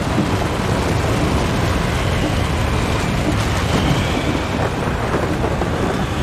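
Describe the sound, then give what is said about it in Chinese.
A loud, steady roar of storm wind and heavy rain surrounds a car being driven on a small side road as it suddenly turns dark and the car shakes violently, a dense rumbling wash of noise that never lets up, with no voices. “汽车开始剧烈摇晃，我觉得我们随时都有可能被狂风卷到空中。”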